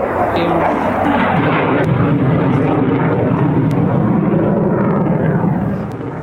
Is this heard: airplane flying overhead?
yes